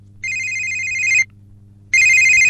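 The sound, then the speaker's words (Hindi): A telephone rings for an incoming caller on a show's phone line, with two loud electronic bursts of a steady, high warbling tone separated by a short pause, heard alone over a faint low hum. “और ये अगले कॉलर देखते हैं कि इस वक्त फोन लाइंस पर हमारे साथ कौन है।”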